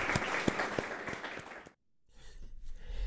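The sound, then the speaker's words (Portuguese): Audience applause for the poet João Luís Barreto Guimarães after an RTP conversation at Monte da Virgem in Gaia: a dense burst of many hands clapping for about a second and a half, then it stops abruptly, followed by a quieter rustling murmur. “Acho que podemos Obrigado, Luís. tributar o aplauso.”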